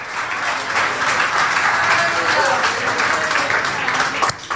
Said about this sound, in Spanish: Esto que les estoy contando, demos en aplauso al Señor si quieren. Adorado sea Dios.